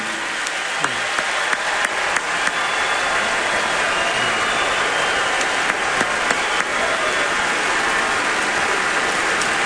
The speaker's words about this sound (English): If we have any active or veteran military members with us tonight, if you all are able to stand, we'd love to give you a round of applause and a big thank you for everything you've done for our country.